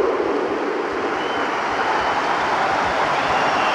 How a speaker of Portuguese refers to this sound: É a bancada do Dragão a celebrar o regresso do Internacional Espanhol, Samu